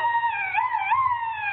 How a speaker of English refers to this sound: it was a duck call I carved out of a turkey bone